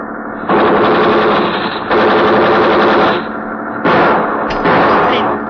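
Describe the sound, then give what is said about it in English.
Rapid bursts of automatic gunfire from a ship, fired in front of another vessel to slow it down, rattle out in three long, loud volleys. Each is a dense stream of sharp cracks, with brief pauses between them and no voices. “We fire in front of him. That's slowing him down.”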